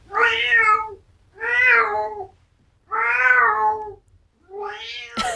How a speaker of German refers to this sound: Das ist Kater Teifi. Stolze 19 Jahre ist Teifi schon alt.